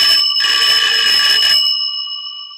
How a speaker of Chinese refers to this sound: 电话铃响起，林内特走过去接了起来。